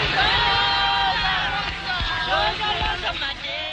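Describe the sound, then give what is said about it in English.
A large crowd at the back entrance to the Pretoria court shouts and cheers, watching the accused being driven away to start their life sentences, many voices overlapping in a loud, continuous roar with rising yells and whoops, no single voice standing out. “At the back entrance to the Pretoria court, large crowds gather to watch the accused being driven away to start their life sentences.”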